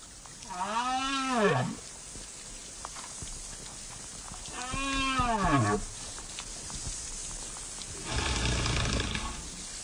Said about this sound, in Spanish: Muchas veces se piensa que debajo del agua hay un mundo silencioso. Sin embargo, aunque muchas veces no lo podamos percibir, existe un mundo muy rico de comunicación entre especies marinas, por ejemplo, entre las ballenas.